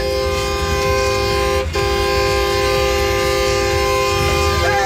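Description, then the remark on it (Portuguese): Several vehicle horns blare together in one loud, sustained chorus of overlapping tones, cutting out for an instant partway through before resuming and holding steady to the end, with no talking. “No 3, a gente vai soltar a buzina.”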